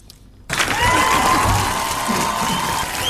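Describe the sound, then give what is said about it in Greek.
Loud applause from an audience bursts in after a brief silence, a dense steady roar of clapping with cheering and a thin whistle-like tone rising through it. “Και θέλω ένα χειροκρότημα.”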